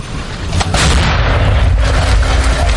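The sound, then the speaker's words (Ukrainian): An artillery gun of the 148th brigade fires a shell weighing 43 kilograms, a heavy, very loud blast whose deep rumble and crackling roar fill the air and keep reverberating for a couple of seconds. “Гармата насправді дуже гучна і потужна.”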